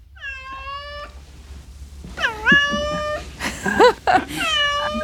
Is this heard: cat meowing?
yes